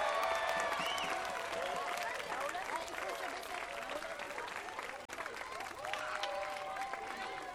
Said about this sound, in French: faire une petite hola pour fêter, applaudir très fort, pour fêter cette grande première.